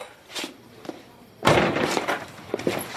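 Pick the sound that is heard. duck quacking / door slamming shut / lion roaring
door slamming shut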